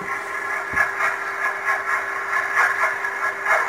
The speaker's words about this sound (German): Das ist ein Überwasserdampfer, ein Containerschiff von wegen. Aha. Die Schraube so ein bisschen ins Wasser reinschlägt.